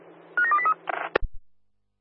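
A quick run of electronic telephone dialing tones, several short beeps in succession, followed by a brief click and low thump as the line connects, fairly loud.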